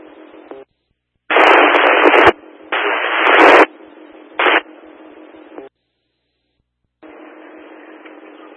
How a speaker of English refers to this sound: Static only.